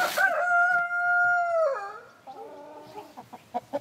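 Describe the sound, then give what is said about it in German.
A German Salmon Faverolles rooster, kept by breeders in a village, crows once, loud, with a long held note that drops at the end, followed by a few soft clucks. “Sie züchten das deutsche Lachshuhn.”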